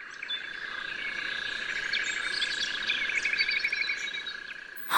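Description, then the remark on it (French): A small baby bird that has fallen from its nest chirps in quick, repeated high peeps over a steady insect-like hum, moderately loud, with no voices. “Un petit oiseau tombé de son nid.”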